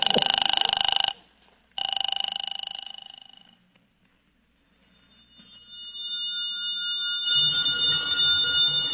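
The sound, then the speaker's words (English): A telephone rings twice in bright, jangling bursts with a short pause between them, then falls silent before a high, shimmering tonal sound swells up and continues to the end. “Answer the phone”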